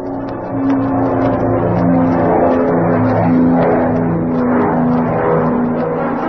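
A propeller airplane's engine roars loudly and steadily as it takes off from a private airfield near Chatfield, Arkansas, a sustained drone with a humming, wavering pitch that holds for several seconds, with no voices.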